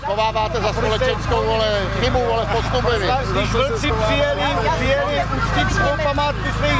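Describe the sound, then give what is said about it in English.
A small but very vocal group of protesters shouts at participants gathering for the March of Reconciliation in Pohořelice, many raised voices overlapping into an indistinct, fairly loud din, with a steady low engine hum running underneath. “A small but very vocal group of protesters are shouting at some of the participants gathering”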